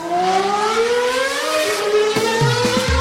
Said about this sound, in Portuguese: Vocês ouviram aí, né? O barulhinho de carro passando. Isso significa que a gente tem atualização aqui na Fórmula 1.